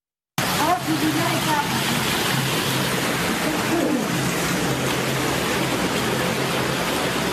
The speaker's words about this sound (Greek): Βίντεο που καταγράφηκε την ώρα της ισχυρής καταιγίδας αποτυπώνει τη στιγμή που τα νερά έχουν εισβάλει σε σπίτι, μετατρέποντας το εσωτερικό του σε μία μεγάλη λασπωμένη λίμνη.